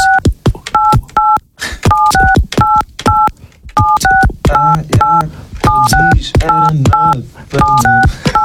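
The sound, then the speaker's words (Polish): Telephone keypad beeps tapped out as a melody on a radio station's telephone, short dual-tone presses in a quick, uneven rhythm, loud; in the second half a lower voice-like tone plays along underneath. “Czy ty możesz nam teraz skomponować kawałek na naszym radiowym, na pięknym telefonie zresztą?”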